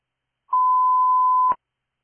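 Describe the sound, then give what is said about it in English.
A radio dispatch test tone sent to Station 1 in Lake Wells: a single steady electronic tone, loud and clear, held for about a second before cutting off with a brief click; no voices. “Lake Wells Station 1, test tones complete, 1921.”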